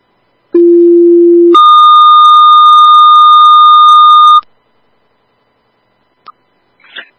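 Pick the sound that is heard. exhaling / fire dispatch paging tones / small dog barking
fire dispatch paging tones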